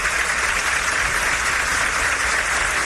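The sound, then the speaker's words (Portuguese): Sustained, lengthy applause from a large crowd at a ceremony, for Brazil's Advocate General of the Union Jorge Messias after OAB president Beto Simonetti mentioned him in his speech: a dense steady wash of clapping at an even loudness without pause or voices. “Durante a fala do presidente da OAB, Beto Simonetti, que citou Messias, o advogado-geral da União foi longamente aplaudido.”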